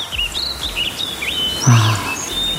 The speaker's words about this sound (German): Es gibt ja da morgens eine richtig feste Reihenfolge beim Singen bei den Vögeln. Ne? Als allererstes ist es der Hausrotschwanz. Ne? Schon weit vor Sonnenaufgang fängt er an. Danach kommt die Amsel und dann nach Sonnenaufgang die Spatzen.